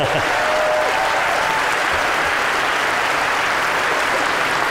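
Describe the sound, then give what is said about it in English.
A crowd applauds its deputy leaders steadily, a dense wash of many hands clapping at an even loudness throughout, with no one speaking over it. “Rachel, give them a clap.”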